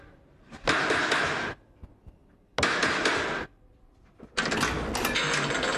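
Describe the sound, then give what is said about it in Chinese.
Three bursts of rapid, rattling knocking on the door of someone's home, each lasting about a second with short pauses between, loud and harsh against a quiet background with no talking. “哎呀，这么敲谁能听得见呀？”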